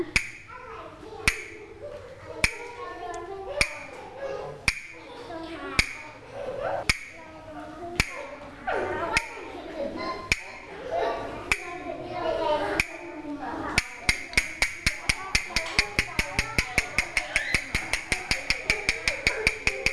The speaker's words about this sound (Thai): เด็กๆคะเดี๋ยวเรามาเคลื่อนไหวกันต่อนะคะเด็กๆฟังจังหวะที่ผู้หญิงเคาะด้วยนะ